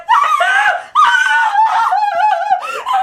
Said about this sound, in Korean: 입을 다물자 집안은 할머니의 비명으로 가득 찼다.